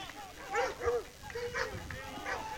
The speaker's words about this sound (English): Some of the local dogs here are getting pretty excited about this game going on right now.